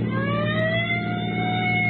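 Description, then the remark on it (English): A sheriff's police car siren wails loud, its pitch climbing steadily over a low, rumbling vehicle engine, with no one talking, as it pursues a car with Oklahoma plates. “I'll give him the siren.”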